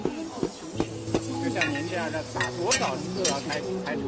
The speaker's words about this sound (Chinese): 身着壮族服装的大妈将茶叶、紫苏、大蒜、生姜、花生等放入铁锅中，用木锤用力地反复敲打着。